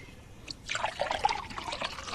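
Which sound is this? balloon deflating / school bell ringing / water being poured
water being poured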